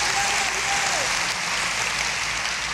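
An audience claps loudly and steadily in applause to the Lord, a dense wash of overlapping handclaps that holds at full strength throughout with no pauses, while a faint voice rises briefly underneath near the start.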